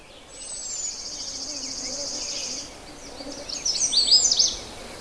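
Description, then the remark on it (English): A thin, steady high trill runs for a couple of seconds, then a Canada warbler bursts into a quick, jumbled rush of bright, high chips and twitters before falling quiet. “It doesn't really say anything that you can recognize. It just goes tweetititititi.”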